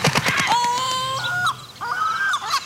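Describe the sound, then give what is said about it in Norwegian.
Loud seagull calls: a quick burst of sharp yelps followed by two long, wailing cries, with no one talking. “For plutselig blir du utsatt for et måkeangrep.”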